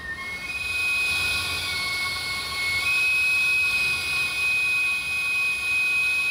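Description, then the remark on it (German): A steady, high-pitched chorus of squealing from many thirsty farm animals at once, shrill and continuous for several seconds over a dense background din, with no voices. “Ach, jetzt geht wieder das Pfeifkonzert los. Jetzt haben sie wieder Durst.”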